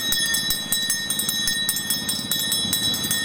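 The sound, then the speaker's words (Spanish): An ice cream vendor's hand bell rings continuously on a beach, shaken in a rapid, steady rhythm of bright, high metallic clangs with a sustained ringing tone underneath, and no one talking; the vendor sells ice cream, drinks, potato chips and nuts. “A ver, ¿cómo suena la campana?”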